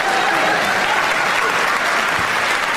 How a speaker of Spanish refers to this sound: ¿Qué aplauden?